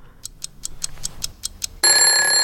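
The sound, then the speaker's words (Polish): A clock ticks steadily for about two seconds, then a loud, tonal alarm bursts in abruptly with a bright, musical ring that continues to the end. No one speaks. “Pobudka, muzyczny budzik.”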